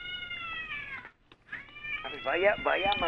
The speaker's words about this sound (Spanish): Vaya a maullar allá en la casa donde le dieron atún.